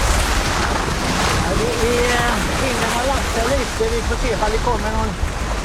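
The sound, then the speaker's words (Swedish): Steady, loud rush of wind buffeting the microphone of a windsurfer at sea in a bay, mixed with the roar of surf and waves, continuing throughout. A faint, muffled voice talks underneath the noise. “Hur är vågorna? Beskriv.”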